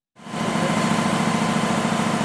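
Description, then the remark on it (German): A new, expensive newspaper printing press at the Augsburger Allgemeine's printing plant runs with a loud, steady mechanical roar, a fast rhythmic thumping churning underneath a broad hiss. It starts abruptly and continues without pause, with no voices. “Der Verlag hat in eine neue teure Druckmaschine investiert.”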